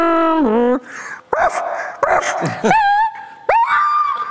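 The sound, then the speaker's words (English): Someone vocally imitates a car hitting a dog as a party trick: a loud wailing tone drops sharply, then a burst of yelping cries and high whimpers follows. There is no background noise. “You had party tricks. Car hitting dog.”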